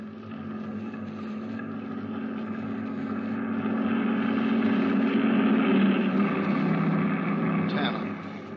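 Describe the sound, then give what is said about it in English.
A heavy truck engine drones as it draws closer, one of a numbered line of trucks, its rumble swelling to a loud peak before starting to fade as it rolls past, a steady low growl throughout. “Pull out behind the next truck, Sergeant.”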